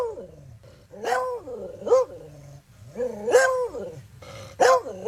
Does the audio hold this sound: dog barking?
yes